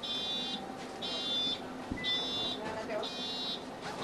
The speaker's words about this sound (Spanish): después de activarse la rampa que habíamos comentado, puede bajar del autobús porque por suerte este sí que contaba con ese servicio